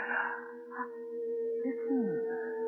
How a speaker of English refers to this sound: Listen. That's Dane, my father's dog. Animals know when the dead are near.